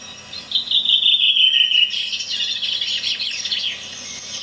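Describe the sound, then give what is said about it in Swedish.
A bird sings outdoors on Öland, opening with a clear, high whistled note that glides slowly downward, then breaking into a quick, buzzy trill before fading. One bird, with no voices. “Sen har jag varit nere på Öland och spelat in. Där kom den. Mer klar stämma.”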